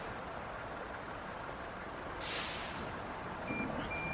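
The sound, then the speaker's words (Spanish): One of five new zero-kilometre municipal city buses in San Luis idles with a steady engine rumble, then lets out a sharp hiss of air brakes, followed by a few faint, high reversing beeps near the end. “Sumamos 5 nuevos colectivos 0 kilómetro para la empresa municipal Transpuntano, de los cuales uno está adaptado para personas con discapacidad.”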